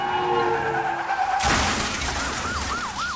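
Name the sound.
car tires skidding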